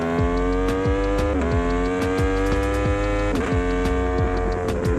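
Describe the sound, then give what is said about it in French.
A motorcycle engine accelerates hard on a wet track, its pitch climbing steadily, then dipping briefly at two gear shifts before rising again. Loud and continuous, with no voices. “Là on accélère sur l'eau.”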